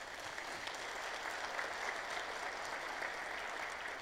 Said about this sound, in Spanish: Gracias, señores regidores, de todo corazón. Un voto de aplausos para ellos.